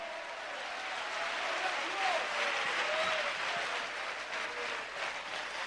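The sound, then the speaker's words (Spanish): A crowd applauds for Christ steadily for several seconds, a dense, sustained wash of clapping from many hands, with faint scattered cheers rising briefly in the middle. “Fuerte ese aplauso a Cristo.”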